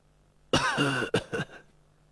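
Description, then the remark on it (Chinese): A voice imitates an old woman's cough that interrupts a young woman's words: one long, raspy, voiced hack followed by two quick, shorter coughs, fairly loud, with no talking around it. “刚说到家父会怎么着，旁边那老妇人咳嗽了一声，把年轻女子的话给打断了。”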